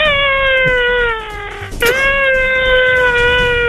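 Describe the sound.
A person imitates an elephant trumpeting: one long, loud, brassy cry held for several seconds, its pitch sagging slightly, with a brief crack partway through before the tone carries on.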